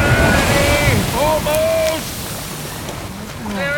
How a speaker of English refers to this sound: Keep rowing. Don't stop now. Another 20 strokes and we'll be ashore. I'm pulling as fast as I can, but the waves.